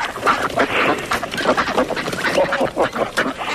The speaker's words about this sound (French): Vous entendez les canards?